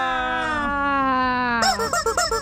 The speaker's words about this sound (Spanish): Ese pollito yo ya no lo había oído, yo pensé que andaba fónico porque no lo había escuchado, pero queremos que cante porque llega la semilla.